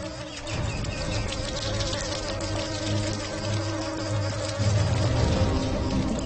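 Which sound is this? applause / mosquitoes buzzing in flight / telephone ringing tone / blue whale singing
mosquitoes buzzing in flight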